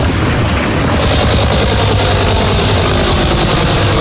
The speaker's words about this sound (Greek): Ελικόπτερο της πυροσβεστικής μέσα σε αποπνικτικό καπνό πραγματοποιεί ρήψεις.